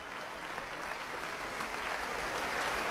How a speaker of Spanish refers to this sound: Que se encuentra en el centro del escenario repartiendo los aplausos del público reunido la noche de hoy en la sala de conciertos del Centro Cultural Tacna.